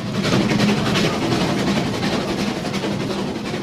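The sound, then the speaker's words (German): A steam locomotive on a rack railway works at Rigi Kaltbad, with a steady, loud wash of hissing steam and rumbling machinery running unbroken throughout, no voices. “Es hat unheimlich gedampft und gezogen und gezischt.”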